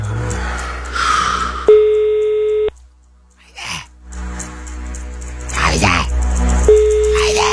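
An outgoing phone call in a radio phone-in prize game, the second attempt of the morning, ringing with no answer because the person called does not pick up. A steady ringback tone sounds for about a second, then repeats after a long gap, over low background hum and some breathy noises.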